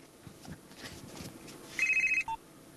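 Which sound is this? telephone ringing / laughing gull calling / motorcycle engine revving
telephone ringing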